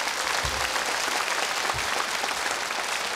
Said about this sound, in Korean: 여러분 다시 한 번 더 박수 부탁드립니다.